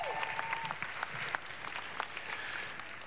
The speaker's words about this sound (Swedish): Varsågod och sätt med oss genom en applåd.